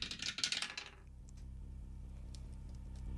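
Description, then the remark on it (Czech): A die rolled for a prize game rattles and clatters in a quick burst of sharp clicks lasting about a second, then everything falls quiet except a low background hum. “teď je to tady pro tebe, házíme hrací kostkou.”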